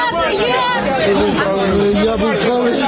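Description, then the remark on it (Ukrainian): A crowd of many voices talking at once at a prisoner exchange in Ukraine, people searching for their own among returning prisoners, overlapping calls and conversation merging into a loud, steady babble with no single speaker standing out. “Серед натовпу вони шукають своїх.”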